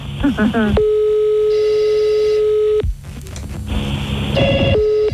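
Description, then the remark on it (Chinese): A steady electronic telephone line tone, heard while a call is put on hold, holds for about two seconds, drops out, then returns in a shorter burst, with a brief voice-like sound at the start. “你我甲电话，我先保留啊，互外线，甲你服务吼，你莫挂吼。”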